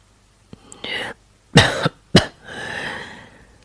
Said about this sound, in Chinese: KDA 没有说话，德里特里便咳嗽了两声，继续说下去。